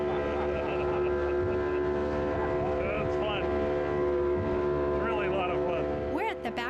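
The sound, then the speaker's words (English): A small, crowded motorboat's engine roars steadily as it speeds across water to Bacardi Island on a snorkeling trip, a loud continuous drone with rushing water, spray and wind, and faint voices briefly audible underneath. “This small boat shows up, we all cram in and take off.”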